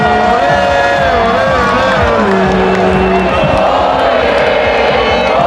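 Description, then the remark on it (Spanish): A huge crowd of people in Madrid sings and cheers together, celebrating the Spanish national team as the team bus passes, in a dense, continuous, loud roar, with voices rising and falling in sustained chant-like tones. “Millones de personas que no pararon de cantar, de saltar, celebrando en familia, en pareja o con amigos, gente de todas las edades y con muchos mensajes y peticiones para la selección.”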